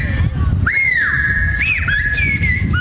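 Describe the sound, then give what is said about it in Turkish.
People call to each other in whistled bird language at the 29th Giresunlular Otçu Göçü Yayla Festival on Görecik Plateau in Büyükorhan, Bursa. A few loud, sustained whistled tones rise, dip and slide between pitches in phrases, carried over a steady low rumble of background noise. “Horon oynadılar, kuş diliyle birbirlerine seslendiler.”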